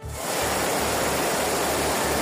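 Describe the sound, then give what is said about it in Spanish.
Heavy rain pours down in the Barcelona area, in towns such as L'Hospitalet and Cornellà, with over 150 litres fallen and streets and cars flooded, in the evening; a dense, unbroken roar, a loud steady hiss with a low rumble underneath and no voices, fading in briefly at the start and then holding constant. “Sí, la situación es especialmente complicada en el área de Barcelona, sobre todo en municipios como L'Hospitalet y Cornellà, donde la lluvia ya ha superado los 150 litros y hay calles y coches inundados.”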